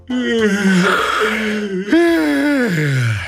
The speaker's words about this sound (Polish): Niepotrzebnie mówi o spaniu. Bo teraz jakby... Tak samo jak ja ziewam. Zaraz zasnę chyba.